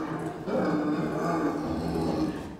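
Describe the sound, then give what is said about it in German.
A mother bear in a zoo, standing at the enclosure gate, calls out in a continuous, low, rough moaning bellow that holds steady for a couple of seconds, fairly loud, with no talking over it. “Und wie sie ruft.”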